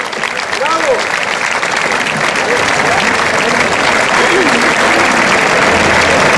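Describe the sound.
Sustained applause from a large audience welcoming a speaker, a dense, steady clatter of many hands clapping at full volume for several seconds, with faint voices blended into the crowd noise.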